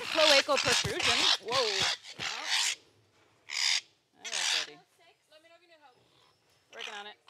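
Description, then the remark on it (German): Harsh, raspy squawks from parrots being chased from one cage into the next for ringing burst out loudly in a rapid cluster, then return in separate shrieks with brief gaps, while fainter warbling whistles and chatter fill the pauses between them. “Nur wenn die zwei in der Lage sind, Papageien einzufangen, die zur Beringung von einem Käfig in den nächsten gescheucht werden, sind sie eine echte Hilfe.”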